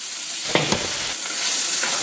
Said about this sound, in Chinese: 高温炒制下，淡淡的米香也飘散出来。